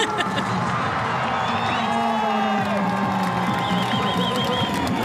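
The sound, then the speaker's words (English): A large crowd of Italians cheers and roars continuously for the 22-year-old Italian Andrea Barnaba, with whoops, shouts and whistles rising over a dense, steady wall of voices at a football match. “Listen to the crowd. The Italians giving it up, making some noise for the 22-year-old Italian, Andrea Barnaba.”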